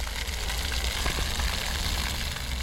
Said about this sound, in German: Im roten Pflaster ein flaches Brunnenfeld. Wasser plätschert, Kinder laufen hindurch.